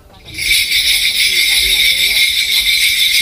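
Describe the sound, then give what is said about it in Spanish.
A dense, continuous jingling of many small bells, like sleigh bells, from a ritual called gut, starts abruptly and keeps shimmering loud without pause, with faint low sounds underneath. “Pues parece que llega Papá Noel, ¿no? Sí, para hacer trineo.”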